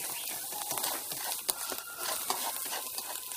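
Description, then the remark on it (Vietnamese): Stir-frying clams in a pan: a steady bright sizzle with scraping and clicking strokes as the clams are tossed and stirred evenly until they thicken, including a few sharper knocks, with no talking. “Sau đó là mình sẽ đảo cho đều tay và cho nó hến nó sánh lại.”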